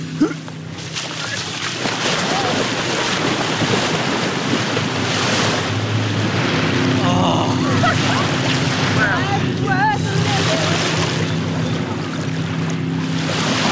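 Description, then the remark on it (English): Outdoor waterside ambience at a lake at Bayside Park around 1:30 midday in peak heat, with steady lapping water and wind noise, a low engine hum of boats, and voices of people talking and calling in the background. “So before the next round of scoopers arrive, the brave little state team takes an excursion to the lake.”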